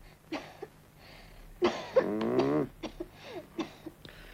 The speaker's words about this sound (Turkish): Derin nefes al bakayım yavrum. Öksür çocuğum bakayım.